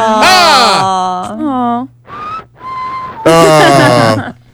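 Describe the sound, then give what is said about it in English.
Two breathy, slightly wavering whistled notes sit between longer moaning vocal sounds, giving a thin, mournful little tune, somewhat muffled, whistled by a caller over a phone line. “So, I think we have the sad whistler on the phone.”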